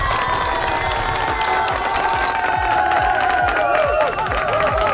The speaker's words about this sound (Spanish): Pues las personas que votaron, déjenme decirles, se merecen un fuerte aplauso.